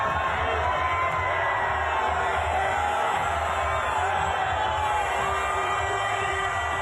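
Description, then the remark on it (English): Tens of thousands of Arsenal football fans lining the streets of North London cheer a Premier League title at an open-top bus parade, a dense, loud, unbroken roar of many voices with scattered whoops and shouts rising above it for the whole stretch. “Tens of thousands of Arsenal fans are lining the streets of North London to celebrate their first Premier League title in 22 years.”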